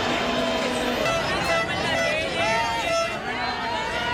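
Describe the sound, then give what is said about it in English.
A large crowd in Spain roars and cheers continuously at the removal of the border fence separating Gibraltar from Spain, many voices shouting and calling out together in a loud, dense wash of sound that stays steady throughout. “Well, let's head to Spain now, where crowds cheered the removal of La Bea, the border fence separating the British territory of Gibraltar from Spain.”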